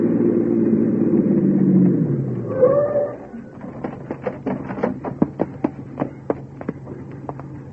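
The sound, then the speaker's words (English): A police car's engine rumbles, slows and stops with a short squeal of brakes as the squad car pulls up, then a string of sharp clicks and taps follows in the quiet. “Right behind that squad car pulling up.”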